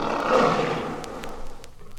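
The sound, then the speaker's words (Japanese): A single loud lion roar, deep and rumbling, swelling at the start and then fading into a long trailing growl over about two seconds, with no voices. “あれは確かライオンさんだ。”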